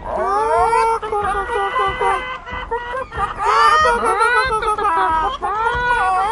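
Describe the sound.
Several voices cluck and squawk in imitation of chickens, a continuous, overlapping stream of high, wavering calls with short pauses, fairly loud throughout.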